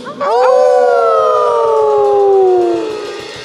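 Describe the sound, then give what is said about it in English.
Several people in the studio audience of community radio station WVEW in Brattleboro, Vermont, howl together like wolves, a loud chorus that swoops up and then holds a long, slowly falling wail for about three seconds before fading out. “You're welcome to howl throughout the set. In fact, we encourage it.”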